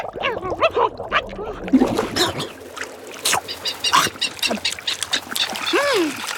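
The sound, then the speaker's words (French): Albatrosses squabble noisily over dead fish bait from a fishing boat, striking each other with wings and beaks and dipping their heads underwater; a tangle of harsh, honking and squawking calls overlapping with splashing water and flapping, loud and continuous throughout. “Il file des coups d'aile et de bec aux autres.”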